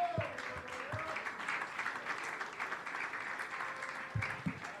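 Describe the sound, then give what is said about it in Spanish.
An audience at a church worship service claps steadily together as an offering of praise to God, a dense wash of many hands filling the whole stretch, with a few low thumps and a faint tonal hum underneath. “Gózese, hermano, de la ofrenda de palmas al Rey.”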